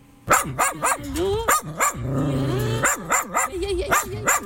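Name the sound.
dogs barking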